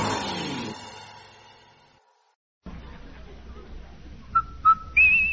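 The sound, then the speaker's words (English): A short whistled jingle of a few clear notes, two brief tones and then a higher held one, the Rinso soap whistle on a 1950 Amos 'n' Andy radio broadcast, sounds over a low hiss after a fading chord and a moment of silence. “Hey, Andy, hear that whistle?”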